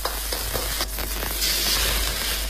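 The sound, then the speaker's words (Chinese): Pork belly sizzles in hot rapeseed oil in a wok while braised stinky mandarin fish is being prepared, a steady hiss and crackle with a few brief surges, no voices. “菜籽油润锅，再来些五花肉，让桂鱼吃起来更油润。”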